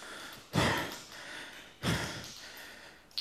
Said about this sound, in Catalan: El pes del bronze feia que en … respirés amb força